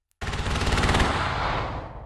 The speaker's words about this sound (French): Au-dessus de la mer, des obus illuminent le ciel noir. Le bruit est assourdissant. Sur la plage, les militaires courent en direction des canons. Il s'agit des Han Kuang, 10 jours d'exercice pour entraîner l'armée taïwanaise